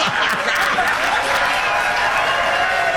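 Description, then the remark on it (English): A crowd applauds steadily after an applause sign is turned on, a dense wash of many hands clapping that stays loud and even from start to finish, with scattered individual claps standing out near the beginning. “By the way, that just means the applause sign was turned on.”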